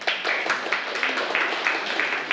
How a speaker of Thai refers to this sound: ครับนักเรียนปรบมือให้เพื่อนด้วยครับ